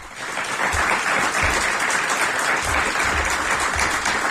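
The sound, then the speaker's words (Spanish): Loud, sustained applause from an audience at a live radio broadcast in Gallí Pienzo, a dense continuous patter of many hands clapping at once for several seconds, steady in volume with no voices standing out. “Y yo lo primero que quiero hacer es pediros a quienes nos acompañáis aquí en Gallí Pienzo que nos acompañéis, por favor, con un fortísimo aplauso que se va a oír seguro a través de la radio.”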